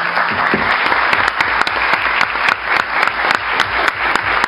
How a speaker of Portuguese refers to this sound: e são todos anistiados políticos que passaram pelo DOI-COD e pelo DOPS, se as pessoas se sentirem confortáveis, puderem levantar para que a gente possa aplaudi-los,